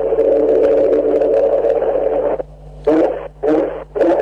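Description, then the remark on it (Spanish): The engine of Matías Jalá's Turismo Carretera race car, prepared by the Catalán Magni team, roars loudly and steadily for a couple of seconds, drops to a low idle, then revs sharply three times in quick bursts. “Gracias, gracias por las aceleradas. Motor en marcha para el mendocino, esperando por su serie en el TC.”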